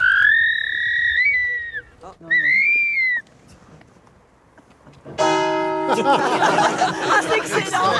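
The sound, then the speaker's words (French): A person imitates a barn owl's screech: two drawn-out, high, wavering cries with a short pause between them, then a longer, louder, harsh and rasping screech that carries on to the end. “Et quand vous imitez son cri, est-ce qu'elle réagit?”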